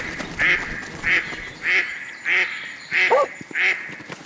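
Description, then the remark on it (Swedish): A duck quacks six times in a steady, evenly spaced rhythm, each quack a short, loud, nasal honk with a raspy edge, with no voices around it. “Kompe krockar med en and. Anden rusar upp på land.”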